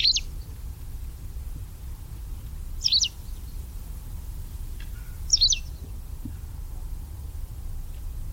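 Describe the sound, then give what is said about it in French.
A white wagtail gives three sharp, high two-note calls spaced a few seconds apart, clear against a low, steady background rumble with no voices. “Voilà un oiseau bien présent toute l'année, c'est la bergeronnette grise qui n'a pas peur de la présence humaine et qu'on voit se poser sur les toitures, sur les antennes de télévision ou bien au sol en train de chercher de la boue,”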